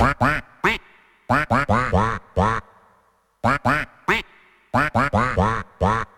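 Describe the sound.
A person imitates duck quacks into a microphone, a rapid run of loud, nasal quacks in two bursts separated by a brief pause, with no other talking.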